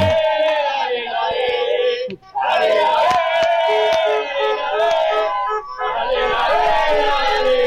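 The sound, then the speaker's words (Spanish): A large crowd of fans celebrates a championship in the centre of Río Gallegos, chanting and shouting together in a loud, sustained roar with rhythmic singing, broken by a brief dip before surging again. “Bueno, amigos, que están los festejos de Verano Campeón desde el centro de Río Gallegos.”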